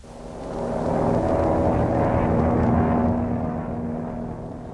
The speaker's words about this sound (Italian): L'aereo per il Cile è partito.